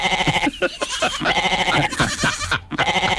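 A goat bleating sound effect: goats bleat repeatedly in a loud, wavering chorus, several overlapping cries with short breaks between them, no talking.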